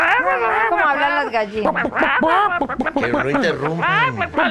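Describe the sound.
A person imitates a hen clucking with a rapid string of squawky, nasal vocal bursts, loud and close, continuing for several seconds.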